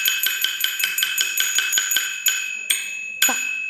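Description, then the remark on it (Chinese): A small bronze bowl, the core percussion instrument unique to Wanwanqiang opera and the source of its name, is struck about a dozen times, quick and even at first, then slowing to a few spaced strikes, each one leaving a bright, clear metallic ring that lingers. “明白了，听起来啊，非常清脆的这种铜铃声，但是您刚才啊，轻重顿挫的这种声音，让人能感受到，这个可能就是我们这个戏曲里能够带出来的那种旋律，还有它类似于这种呼吸一样的感觉。”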